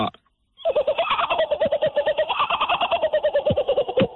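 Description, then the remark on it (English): A person imitates a kookaburra call with rapid, rhythmic laughing hoots, loud, a continuous cackling run lasting several seconds after a brief pause. “If this was for a kookaburra impersonation, you would win.”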